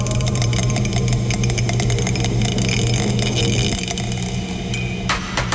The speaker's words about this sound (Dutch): Ho! Mijn welgemene excuses. Dobbelsteen is van het bureau afgevallen.